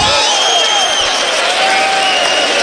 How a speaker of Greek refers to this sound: Ακούγονται οι φίλοι του Παναθηναϊκού, προσπαθούν να ψυχώσουν την ομάδα του Αταμάν.